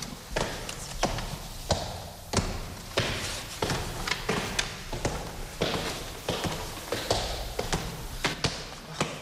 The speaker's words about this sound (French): Ça, c'est la porte capitonnée. Porte capitonnée qui marque l'entrée de la chambre de Frédéric Chopin, de l'ancienne chambre de Frédéric Chopin.